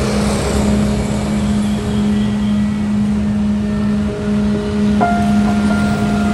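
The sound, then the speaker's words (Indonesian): An angkot minibus engine drones steadily amid road traffic, a low, constant hum that stays loud throughout, with a brief shift in pitch near the end and no voices. “Itu masih ada angkot.”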